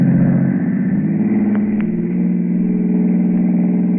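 A car engine roars loudly, its pitch climbing as it revs and accelerates, then holding at a steady high drone for the rest of the moment.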